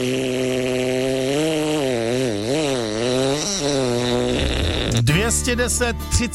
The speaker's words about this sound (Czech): A nakonec prd královský rozpadovač.